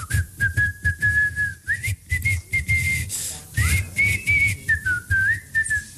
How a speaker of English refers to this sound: as they could hear him whistling what tune?